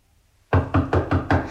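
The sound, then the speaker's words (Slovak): Five firm knocks on the wooden door of a small cottage in a quick, even rhythm, loud after a brief moment of quiet, with no voices. “Zaklopať?”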